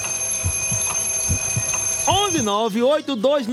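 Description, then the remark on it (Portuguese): An alarm clock rings: a steady, high electronic alarm tone rings continuously with faint regular ticking beneath it, and after about two seconds a voice starts talking loudly over the ringing. “O relógio aí, ó.”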